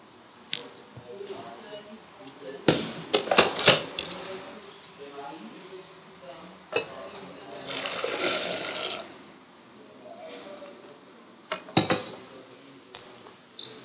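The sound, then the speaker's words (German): Cooked food is poured into a blender: a few sharp clinks of a pot against glass, then a soft, wet sloshing pour in the middle, followed by more scattered knocks. “Gut, das kocht jetzt. Wir geben das in den Mixer.”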